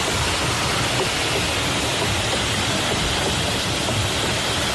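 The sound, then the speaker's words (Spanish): A water-powered fulling mill (batán) in Taramundi, its very thick, heavy wooden logs pounding wool to full the cloth, heard as a dense, continuous rumbling clatter mixed with rushing water that stays loud and steady throughout, with no voices. “Un batán es un ingenio que golpea, son troncos de madera muy gordos, muy pesados, que golpean la lana, abatanan el tejido para poder usarlo, ¿no?”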